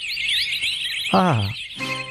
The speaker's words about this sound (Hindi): ऐसा लग रहा है चिड़ियों की चहचहाट दोपहर में सुबह कैसे हो गई है।